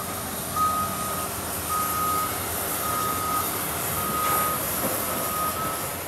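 A forklift moving cargo unloaded from an aircraft sounds its reversing alarm: five steady, mid-pitched beeps at an even pace, each lasting about half a second, over a constant low rumble of engine noise.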